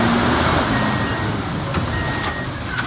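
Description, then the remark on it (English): A lorry engine rumbles steadily, a dense low drone with faint mechanical whines and a brief high beep near the start, continuous and fairly loud throughout. “No, even the lorries don't want to hear anything.”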